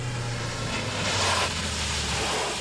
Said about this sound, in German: Und kaum waren wir auf dem Jagdschloss angekommen, da hörten wir ein Auto vorfahren.